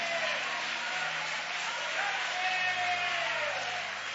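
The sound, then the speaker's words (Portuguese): An audience claps hands together to give glory to God, a dense, steady wash of many overlapping claps sustained evenly for several seconds, with faint voices mixed into the crowd noise. “Bate as palmas e dá glórias.”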